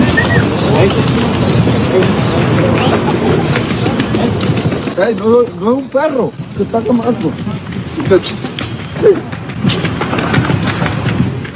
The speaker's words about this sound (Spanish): Ahí al principio se escucha el chiflido. Es un tiene poco grosero. Toda la razón. Es un poco grosero.